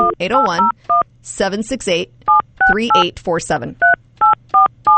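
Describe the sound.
Short electronic beeps of a telephone keypad dialing a phone number, about ten separate dual-tone presses spaced unevenly, clear, with a person talking in between and over some of the tones.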